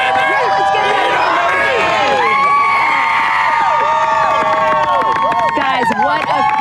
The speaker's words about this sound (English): and what a wonderful crowd there in Maryland.